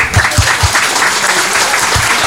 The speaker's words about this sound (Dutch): Ik vind dat al die mensen een schoon applaus verdienen.